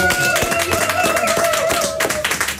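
An audience at a Radio Essen event gives a motivating round of applause for a young guest at the microphone, a steady, dense burst of clapping for nearly three seconds, loud throughout, with a few cheering voices mixed into the crowd noise.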